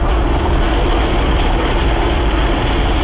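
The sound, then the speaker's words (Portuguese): A Military Police helicopter's rotor roars loud in a steady, continuous drone, with a dense engine rumble throughout and no voices, during the rescue of residents from the roof of a burning building. “Helicópteros da Polícia Militar resgataram 5 pessoas, entre crianças e adultos.”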